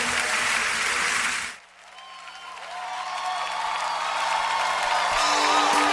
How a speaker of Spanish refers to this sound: fuerte los aplausos.